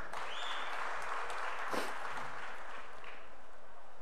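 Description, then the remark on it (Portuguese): A large crowd applauds steadily as footballer Danilo of Botafogo is announced, a dense wash of clapping and cheering with a brief louder swell partway through, with no one speaking over it. “O segundo mais aplaudido é o Danilo, do Botafogo.”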